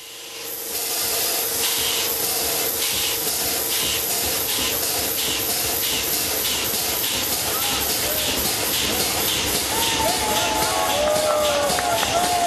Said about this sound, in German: Auch hier war nicht das Ziel, die Maschine wieder mit Dampf zu betreiben, sondern man wollte den Zylinder mit Druckluft in Bewegung bringen. 2015 war es soweit und die reparierte Dampfmaschine konnte ihre ersten Schnaufer machen.